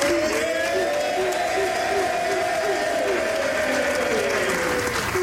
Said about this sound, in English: Players and staff from Team Canada clapping and chanting his name as they were reunited with their teammate.